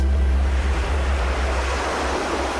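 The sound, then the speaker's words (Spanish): Steady, loud ocean surf rolls continuously, a broad wash of breaking waves with a low rumble underneath and some wind buffeting the microphone. No voices are heard. “La marea baja un momento.”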